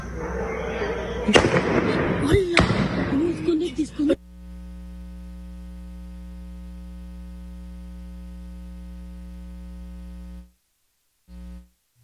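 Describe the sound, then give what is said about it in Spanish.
Two sharp gunshots crack out about a second apart in the Fobiste Ojo de Agua neighbourhood, recorded on video by residents, with muffled voices and street noise around them, followed by a steady electrical hum. “lo vamos a reproducir con audio... para que tenga usted la certeza de que sí hubo disparos.”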